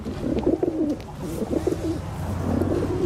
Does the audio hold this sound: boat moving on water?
no